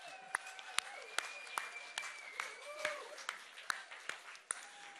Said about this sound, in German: Also einmal ein Applaus für euch. Ihr seid der Hammer.